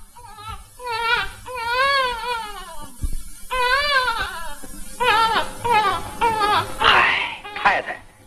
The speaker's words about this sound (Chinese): 哭嘛，听他做什么？ 孩子哭，有孩子还能没有妈？